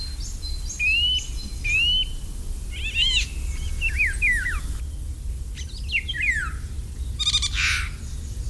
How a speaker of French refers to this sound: Un oiseau migrateur qui chante, qui a un chant très spectaculaire et qui vient d'Afrique tropicale, même équatoriale, c'est le loriot d'Europe.